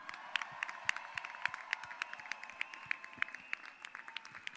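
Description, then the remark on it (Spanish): An audience at a city festival event in Castelldefels applauds the Coral Marinada choir for its proclamation speech, many hands clapping steadily in a dense, irregular patter of sharp transients with no voices over it, holding an even moderate level throughout. “Però abans de tot, deixeu-me que li doni les gràcies a la Coral Marinada i al Piqueras, que han fet dos pregons increïbles i crec que es mereixen un fort aplaudiment.”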